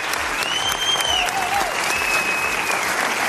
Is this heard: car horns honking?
no